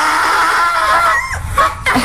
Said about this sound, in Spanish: Y gracias a Bacanito por poner ese sonido tan hermoso de los burros, que yo siento que ya como que no hay tanto.